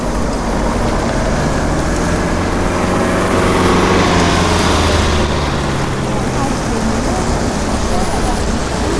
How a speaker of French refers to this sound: Ah oui, il y a là les voitures. Les voitures passent des deux côtés.